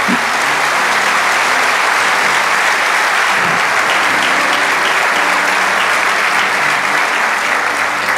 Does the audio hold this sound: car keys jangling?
no